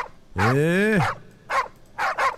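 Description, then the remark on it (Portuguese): Dogs bark, starting with a long, drawn-out howling bark, followed by three short, sharp barks in quick succession, loud. “Agora acorda a cachorrada tudo dando, agora sim, agora vai.”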